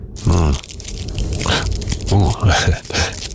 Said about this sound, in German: Und danach knistert er noch so mit Zigarettenpapier. Wrapping paper.